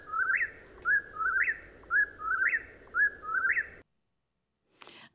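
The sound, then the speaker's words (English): A whippoorwill calls its rhythmic, whistled three-note phrase about seven times in quick succession over a steady low background hiss, then falls silent before a brief soft rustle. “All the while I was losing sleep, the whippoorwill was still one of my favorite birds.”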